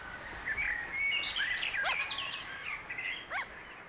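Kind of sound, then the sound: bird, gulls calling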